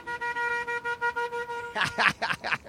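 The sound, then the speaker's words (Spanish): The horn of vehicle unit 3481 honks in a quick, steady rhythm of short blasts on one loud pitch, then gives way to a few harsher, noisier bursts at the end. “Y bueno, pues ahí está, aplicando el claxon vitalero.”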